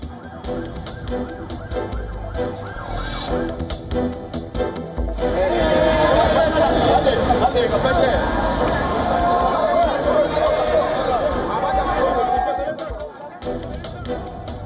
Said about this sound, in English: Demonstrators clashed with police in Santiago while protesting the opening of the Madrid Forum. A far-right summit, and police use water cannon to disperse crowds after some protesters. They throw fireworks and other objects.